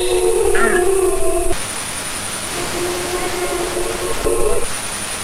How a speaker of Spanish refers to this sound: Yo creo que estos son lobos adultos los que hacen estos aullidos así graves. Lo hacen para comunicarse con otros de la manada. Y lo que suelen provocar estos aullidos de los adultos es la respuesta de los jóvenes y los cachorros.